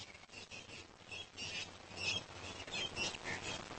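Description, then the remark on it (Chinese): Shrill Cape parrot calls ring out repeatedly over a steady outdoor background, the squawks overlapping at times, with no one talking. The parrots are searching for food in a small town during the day. “和猴子一样，好望角鹦鹉整个白天都在小镇上寻找食物。”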